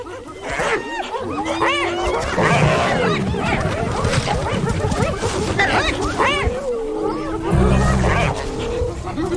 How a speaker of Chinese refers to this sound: 你以前见过吗？ 我还从来没见过斑鬣狗把一只狮子从猎物旁边赶走。 你觉得他们能把狮子赶走吗？ 斑鬣狗铁了心要抢走狮子的猎物。